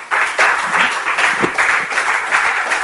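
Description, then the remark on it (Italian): An audience applauds steadily to welcome economist Professor Paolo Guerrieri, a former Partito Democratico senator. The applause is a dense wash of many hands clapping at once that stays loud and even for the full few seconds without fading. “Un applauso insieme a Bach.”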